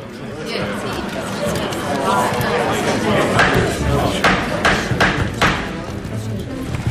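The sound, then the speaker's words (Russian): Several sharp wooden knocks of a judge's gavel ring out in an uneven series, loud, striking over the murmur of a chattering crowd in a courtroom, bringing the hall to order. “Удар молотка лучше любого слова наводит порядок в зале.”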